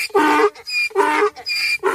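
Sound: donkey braying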